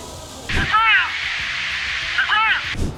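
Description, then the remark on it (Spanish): The International Fountain in Seattle, built for the 1960s world's fair: its water jets burst on with a loud, steady rushing hiss, swelling with a brief whooshing surge near the start and again near the end before cutting off abruptly. “Dicen que acá a nadie lo engañan con un chorrito de agua. Véanlo por ustedes mismos.”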